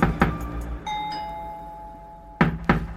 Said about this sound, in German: Da geschah etwas, womit er nicht gerechnet hatte. Jemand klopfte an seine Tür.